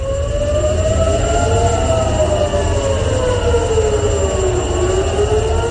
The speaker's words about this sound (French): Des sirènes qui ont retenti ce matin à Tel Aviv. Les hostilités ont repris hier entre Israël et l'Iran après 2 mois de cessez-le-feu.